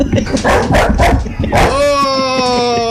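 A bulldog barks at a stuffed coyote several times in quick succession, then lets out a long, steady whine-like howl that slowly drops in pitch. Loud, with no one talking.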